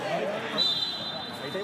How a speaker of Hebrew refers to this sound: יש פה שריקה לעבירה, הדבר של המגן השמאלי נוהיים. עשר דקות במחצית השנייה.